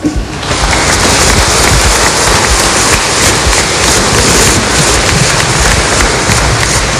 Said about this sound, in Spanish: Brindémosle un fuerte aplauso.